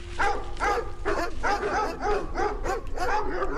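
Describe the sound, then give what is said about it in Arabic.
Police dogs, taken by a security team searching for a cave, bark loudly in a rapid, continuous run of overlapping yelping barks, with a low rumble underneath and no pause for the whole stretch. “مش سهل توصل تلقاها المغارة، وين هالمغارة اللي نحكيوا عليها واللي قال عليها يوان وكل كلاب البوليسية الدور وكذا، حتى وصلوا للمكان المذكور.”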